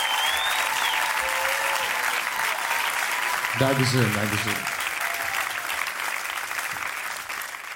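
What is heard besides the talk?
audience applause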